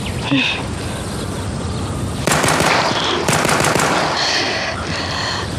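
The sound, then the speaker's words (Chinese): Rapid automatic gunfire during shooting practice, a shooter told to hold the gun steady and fire again: two loud, sustained bursts of sharp rattling shots over a steady hiss of background noise, followed by a quieter noisy stretch. “对，端稳了，再打。”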